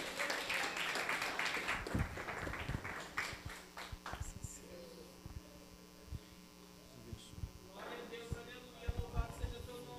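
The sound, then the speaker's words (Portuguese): An audience applauds to welcome the praise group, glorifying the name of Jesus, in a dense burst that fades out after a few seconds, leaving a few scattered claps over a steady low electrical hum. “Vamos exaltar o nome santo e receba o grupo de louvor com as palmas, glorificando e exaltando o nome santo de Jesus.”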